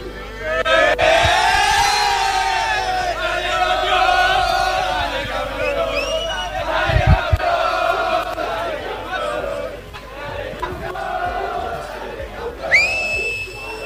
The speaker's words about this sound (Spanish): Bueno, ahí se escuchaba entonces el grito de dale campeón en el micro